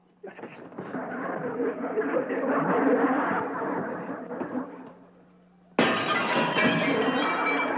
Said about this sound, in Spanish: ¡Rompiendo los vidrios de mi casa!